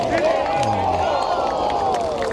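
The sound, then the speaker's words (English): A large crowd cheers and applauds in a steady, loud roar, growing noisier as the weather improves, with overlapping voices and scattered claps blending into a dense wall of noise throughout. “Yeah, crowd getting noisier, weather getting better, tension absolutely getting ramped up.”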